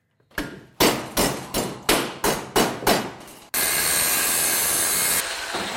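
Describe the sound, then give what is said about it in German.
Hammering on scrap metal in metal sculptor Ronald Knoll's small workshop in Hassenhausen, Burgenlandkreis, where large sculptures are made: about eight loud, ringing blows at a steady pace, then a continuous harsh hissing, grinding noise takes over. No one speaks. “Hämmern, Schweißen, Löten.”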